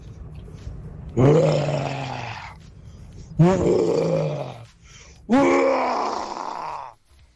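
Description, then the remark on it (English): A person imitates a lion's roar three times, each a loud, drawn-out, throaty growl sliding down in pitch, separated by short pauses; a listener's attempt at a lion roar sent in on the WhatsApp line for a best-roar competition courtesy of Simba. “This is my take on the king of the jungle.”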